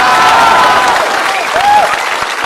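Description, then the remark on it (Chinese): A crowd applauds, loud and steady throughout, a dense wash of clapping with a few faint whistles or cheers rising above it. “转过去，转过去就是一片掌声啊！啊，鼓掌的都是懂艺术的。”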